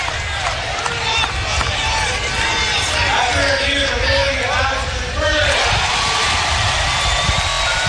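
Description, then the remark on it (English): A huge stadium crowd reacts to a replay review verdict, roaring loudly and continuously for several seconds, a dense wall of cheering and shouting with scattered voices rising out of the din, swelling again toward the end. “Just go by the crowd's reaction.”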